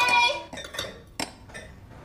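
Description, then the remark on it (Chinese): Glasses clink together in a toast celebrating the successful wrap of a job: a bright ringing chime first, followed by several quick, sharp taps, with faint background murmur. “庆祝我们天剑财险顺利收工，干杯！ 干杯！干杯！”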